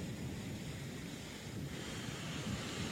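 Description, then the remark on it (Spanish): The Ayampe River flowing into the sea at Puerto López, Manabí province, during heavy rains: a continuous, steady roar of surf and rushing water with heavy low rumble, mixed with wind buffeting the microphone; no one speaks and the level stays even throughout. “El río Ayampe desembocó en el mar.”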